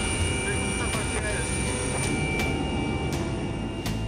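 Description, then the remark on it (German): Steady, loud engine and rotor roar inside a rescue helicopter cabin in flight to the BG Klinik in Duisburg, a dense low rumble with a constant high whine and faint periodic clicks; a voice talks underneath. “Die lauten Geräusche in der Maschine können gerade bei Schädel-Hirntrauma-Patienten zu Problemen führen.”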